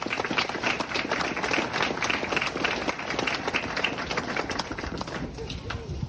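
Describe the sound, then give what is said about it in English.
An audience at an award ceremony for young people claps steadily for several seconds, a dense, even wash of many hands that stays loud throughout, with faint voices mixed in beneath it. “Please give another round of applause for all our inspiring, deadly young people up here today.”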